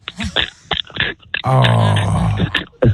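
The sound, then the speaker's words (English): A voice imitates the harsh, throaty scratching noise a woman with bad allergies makes when scratching her throat: a low, gravelly rasp held for about a second after a few short vocal bursts, fairly loud and with no other sounds. “So she does this thing where she says she's scratching her throat, and she makes this noise like...”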